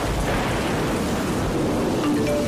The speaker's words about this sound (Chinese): 暴雨仍在持续，如果你在低洼处，快到高处躲避，等待救援。